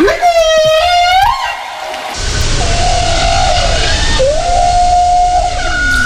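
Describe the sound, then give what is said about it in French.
Whale song: long, loud, harmonic wails that bend and sweep upward in pitch, first over near silence, then over a steady rushing underwater hiss. “La vie des baleines a toujours été entourée de mystères, élucidés les uns après les autres. Leur origine, leur taille, leur chant aussi.”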